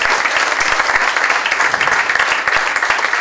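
Loud, sustained applause from a large crowd at a special evening church gathering, applauding the Lord, dense overlapping claps filling the whole stretch at a steady level, with no voices standing out.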